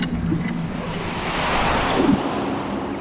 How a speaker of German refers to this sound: Wir zwängten uns in das Loch und ein Luftstrom nahm uns mit.